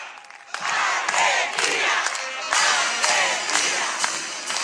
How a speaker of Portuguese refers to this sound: A emblemática cantiga da torcida argentina que ecoa nos estádios, desta vez é executada por uma banda militar. Estamos no Festival de Bandas Militares como parte das celebrações pelo Dia da Independência da Argentina